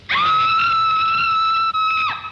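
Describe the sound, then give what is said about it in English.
A woman lets out a long, piercing scream that holds one shrill pitch for about two seconds before breaking off abruptly, loud, with no talking around it. It is Elsa Lanchester's scream in the 1935 film The Bride of Frankenstein. “And then, in 1935, I met Miss Elsa Lanchester in the scream heard around the world.”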